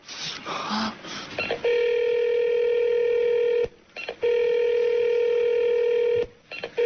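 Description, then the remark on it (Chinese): A few quick telephone keypad beeps and clicks as the emergency phone inside an elevator is dialed, followed by two long, steady electronic phone tones separated by a short pause. No one speaks. “一般电梯里面有急救电话。”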